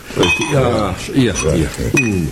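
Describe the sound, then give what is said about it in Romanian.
Glasses clink softly a few times as drinks are poured beneath continuous conversation, with one sharper chime near the end; brief ringing tones rise over the voices. “Hai să mai bem un pahar.”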